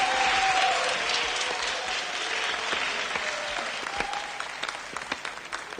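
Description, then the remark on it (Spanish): Sustained applause from a sizable audience for the first contestants of a dance contest, dense clapping that fills the whole stretch and gradually thins toward the end, with faint crowd murmur mixed in. “Un aplauso está para nuestros primeros concursantes.”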